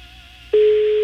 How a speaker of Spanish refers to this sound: Vamos a ver, nos contesta. Está sonando el teléfono del arquitecto, digo, del albañil, digo.